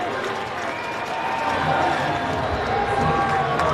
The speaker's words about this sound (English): This Nashville crowd hoping for anything to cheer for and making some noise with the Sounds down 4-0.